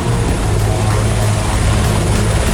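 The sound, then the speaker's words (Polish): A firefighting helicopter fighting wildfires in Serbia roars loudly and steadily, its engine drone heavy and continuous with a low rumbling hum throughout, no voices present. “Akcja gaśnicza z wykorzystaniem helikopterów prowadzona jest w 6 miejscach, w tym na terenie rezerwatu przyrody Deliblacka Peszczara na wschodzie kraju.”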